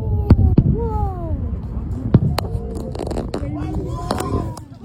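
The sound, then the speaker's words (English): Fireworks go off in a series of sharp, cracking bangs at irregular intervals, some loud, over a steady murmur of a chattering crowd and faint whistling tones. “Were you up late last night watching fireworks?”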